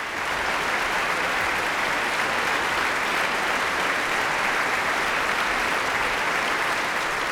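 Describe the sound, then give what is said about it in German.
A concert audience applauds steadily and loudly, a dense, even wash of many hands clapping that holds without pause, with no talking over it, acclaiming conductor Christian Thielemann and the Staatskapelle Berlin after Beethoven's Symphony No. 6, the Pastoral. “Und direkt aus diesem Applaus heraus ist auch die Zugabe bei diesem Konzert erklungen.”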